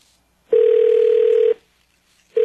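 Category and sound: signal or alarm, telephone ringback tone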